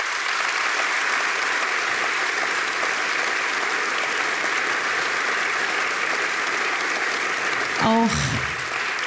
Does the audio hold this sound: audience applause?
yes